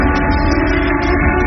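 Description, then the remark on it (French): A loud, sustained factory siren of the SMN works in Normandy, France, wails steadily without a break, a dense droning tone that fills the whole moment with no voices over it. “Une sirène qui résonne encore dans la tête de milliers d'ouvriers.”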